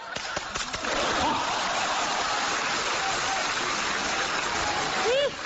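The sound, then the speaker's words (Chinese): An audience applauds a stage performer: a few scattered claps, one from a woman in the audience, quickly swell into dense, sustained applause, a loud steady wash of many hands that continues to the end, with a brief voice rising over it at the close. “哎，这大姐这还鼓掌呢，你还。”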